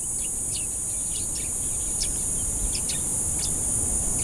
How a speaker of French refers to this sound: Donc on voit effectivement qu'il y a encore une activité biophonique qui est caractérisée par des chants d'oiseaux.